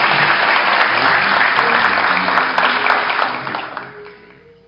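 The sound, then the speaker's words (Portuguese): A crowd claps steadily in a dense, loud round of applause that holds for several seconds, then thins and fades out toward the end. “aplausos, né?”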